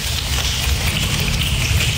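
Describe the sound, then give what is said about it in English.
Many hands rub together in an echoey school hall in a steady, even hiss, a soft rain-like wash of sound imitating a shower starting as a storm approaches. It holds constant throughout with no talking. “So here's the rubbing of hands. The storm is coming.”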